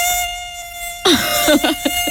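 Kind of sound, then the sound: insect, mosquito buzzing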